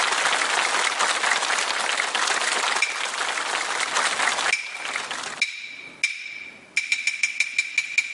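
A crowd applauds loudly and steadily for about four seconds, then the clapping thins as bright, ringing metallic percussion strikes begin, sharp hits repeating in a quickening rhythm.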